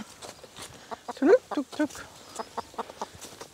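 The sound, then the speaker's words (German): A broody hen clucks in a series of short, soft bursts, with one brief rising squawk partway through, over a low, busy background. “Das ist der ….”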